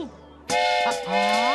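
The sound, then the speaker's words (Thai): A voice gives a bright, sustained toot in imitation of a train whistle, loud, starting abruptly after a quiet moment and holding for about a second, as a group walks in a line like a train. “ที่แท้ฟาฟาก็ให้ทุกคนมาเดินต่อกันเหมือนกับรถไฟนี่เองเข้าใจคิดดีนะฟาฟา”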